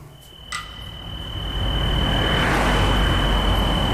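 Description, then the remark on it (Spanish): A car approaches in Sineu, its low road and engine rumble swelling over a few seconds into a steady roar, while a thin, constant high-pitched insect-like whine runs underneath. No one speaks. “¿Es de ese coche? Es un coche.”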